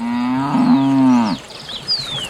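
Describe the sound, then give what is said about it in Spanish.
A single cow moos loudly while cows drink water, a long low drawn-out call lasting over a second, then trailing off as faint high chirps and outdoor noise follow. “Solo las vacas están tomando agua.”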